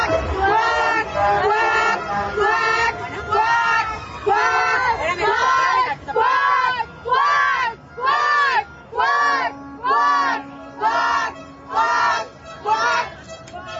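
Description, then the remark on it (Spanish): A crowd of mothers chants "quack" in unison, voices imitating ducks in a steady repeating rhythm of loud, evenly spaced shouts, about one per second, growing more regular as it goes. “Las mamás en esta ocasión gritaron cuac, cuac, cuac, como si fueran patos”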